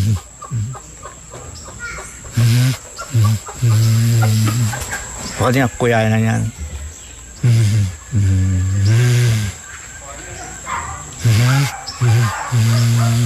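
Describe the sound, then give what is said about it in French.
A person imitates a curassow call, as done while hunting to attract the birds, producing a loud series of short, throaty clucking and hooting bursts in an uneven rhythm, with brief pauses between calls. “Léoco tuberculé fait comme ça.”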